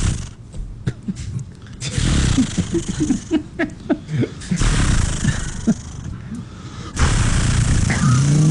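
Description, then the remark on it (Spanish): A voice imitates a chainsaw being started: a few rough, sputtering pull-start bursts build into a sustained buzzing roar, loud, with a brief pause before the noisy growl resumes. “No, es una motosierra. Que hay que prenderla.”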